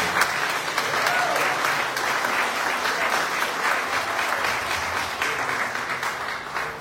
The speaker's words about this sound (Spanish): Un fuerte aplauso para nuestra madre.